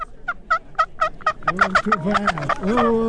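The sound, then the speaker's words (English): A wild turkey gobbles: a quick run of sharp, evenly spaced notes swells into a loud, rattling, bubbling gobble. No one speaks. “That's what you do when you want to gobble”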